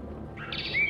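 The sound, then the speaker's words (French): A brief snatch of Western Orphean warbler song: a few quick warbled notes rising to a clear, bright whistle, over a faint low background rumble. “Il s'agit d'une fauvette orphée.”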